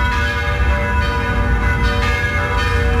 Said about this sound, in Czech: Začaly znět zvony všech pražských kostelů.